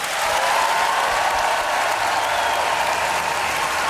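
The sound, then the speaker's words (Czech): A large audience at the Colors of Ostrava festival applauds President Petr Pavel with a standing ovation, dense clapping spread evenly across the whole stretch with a crowd murmur underneath, loud and sustained without any break. “Prezident Petr Pavel sklízí potlesk a zároveň i standing ovation.”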